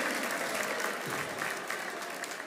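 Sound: audience applause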